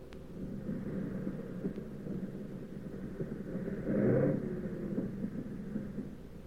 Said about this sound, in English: But we came in okay, with one engine sputtering and the fuselage full of holes.